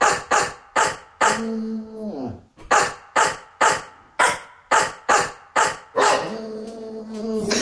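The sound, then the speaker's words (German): A bulldog named Horst barks a hit song from HR4 radio, his barks strung together into a pop song melody: loud, punchy barks on a steady beat, broken by a couple of longer pitched, drawn-out notes. No one speaks. “Und wir hören noch mal kurz rein, wie das klingt, wenn Horst einen HR4-Hit bellt.”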